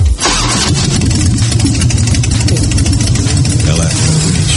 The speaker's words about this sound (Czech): Jo, počkej, to jsou takový ty prdící motorky. Ty Harleyky, ne? Ano!